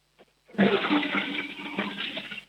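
A toilet flushes with a sudden loud rush of water that keeps roaring steadily, preceded by a faint click of the handle.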